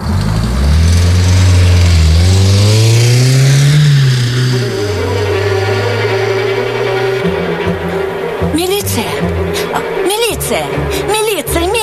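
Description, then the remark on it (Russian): A car engine revs up loud as a barrier gate is opened, its pitch climbing for a few seconds as it pulls away, then settling into a steady drone with some clattering near the end. “Шлагбаум открыли. Трогай.”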